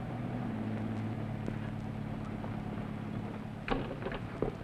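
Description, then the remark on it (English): A roadster's engine runs with a steady, low rumbling drone and a faint hiss as Mr. Kruger drives it away, while a couple of short clunks and clatters break through near the end. No one speaks. “Hey, what car is that?”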